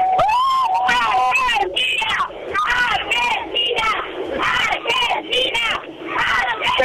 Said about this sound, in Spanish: Te comento a vos y a la radio más federal que estamos en esos colectivos de City Tour, de doble plaza, arriba y abajo, lleno, pero lleno de gente de todas las edades, chicos muy chicos, abuelo, papá, mamá, todo vestido de celeste y blanco, con globos